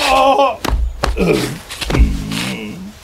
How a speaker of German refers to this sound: Aua! Oh nein! Mein Po. Jetzt bist du auch hingefallen. Warum ist das so rutschig? Es hat heute Nacht Glatteis gegeben.